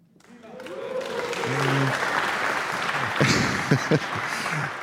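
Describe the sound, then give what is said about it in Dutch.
A studio audience in Studio 1 in Hilversum claps and cheers after a piano performance, a sustained burst of applause, dense and fairly loud, with scattered voices calling out and a few sharper hand claps near the end. “Dat applaus gaan we zo nog eventjes voor onze volgende solisten laten klinken, hoor.”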